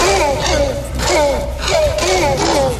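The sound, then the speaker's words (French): Velociraptor cries made by sound designers from recordings of mating tortoises: a loud series of shrill, rasping screeches with warbling tones, coming in about five rhythmic bursts over a breathy, hissing background, with no talking. “Ils ont été réalisés à partir d'enregistrements de tortues en accouplement.”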